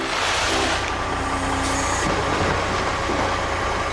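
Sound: truck engine running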